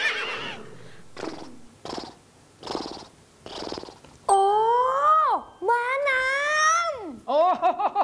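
A horse nickers with a few breathy, pulsing snorts, then lets out loud, shrill whinnies that waver and drop in pitch, with no talking.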